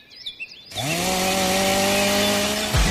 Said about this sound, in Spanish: ¿Ramas rebeldes? ¿Leña para el invierno? No pierdas el tiempo. Siente el verdadero poder del corte con la tecnología y precisión de las motosierras Steel.